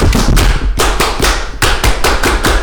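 A group does the tepuk pramuka, the traditional Pramuka scout clap, clapping in unison in a patterned rhythm, with sharp loud claps grouped in short bursts and brief pauses between them. No one speaks.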